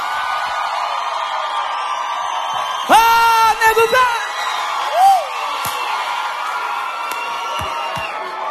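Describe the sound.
A crowd in a boteco roars, whoops and claps steadily throughout, with a burst of loud shouts and cheers near the middle. A man calls out over the noisy, lively audience.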